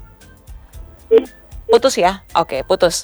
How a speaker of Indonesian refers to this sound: Bunda Niartin, masih adakah di ujung telepon? Halo. Oh, putus.